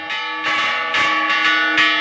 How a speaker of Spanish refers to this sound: Están sonando fuertes las campanas en el centro de la ciudad. Sí, están sonando fuerte las campanas.